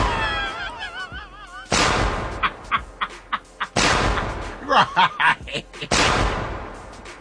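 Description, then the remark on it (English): Three loud, booming cannon shots go off about two seconds apart, each with a rumbling decay, while scattered chuckles and short vocal bursts fill the gaps between blasts. “She probably got like a cannon.”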